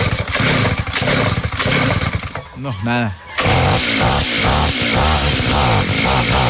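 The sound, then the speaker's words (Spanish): A small flooded gas brush cutter engine is cranked, coughing and sputtering loudly without catching, with a short pause midway and a man speaking briefly over the noise. “Está ahogadita. Venga, le hago lo mismo que le hice a la moto. Le aprieto aquí la bujía.”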